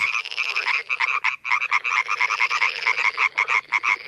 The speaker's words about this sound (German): Beim Quaken und Zirpen von Fröschen handelt es sich meistens um Paarungsrufe. Sie kommen von den männlichen Tieren und die erzeugen die Töne im Kehlkopf und nutzen den Mund als Resonanzraum zur Verstärkung. Und so hört sich das dann an.